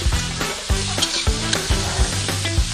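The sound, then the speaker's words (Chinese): Pork large intestines, already deep-fried golden, sizzle loudly as they go back into a wok for Jiuzhuan Dachang, a classic Lu (Shandong) dish: a steady hiss broken by regular spatula clanks and scrapes against the metal, with no voices. “过油炸至金黄，大肠回锅，”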